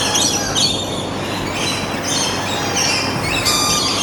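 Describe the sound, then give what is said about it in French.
A flock of lorikeets at Biotropica animal gardens in Val-de-Reuil screeches and chatters without pause, shrill overlapping calls forming a dense, high-pitched din that holds steady throughout, with no voices. “Vous les entendez, les loriquets?”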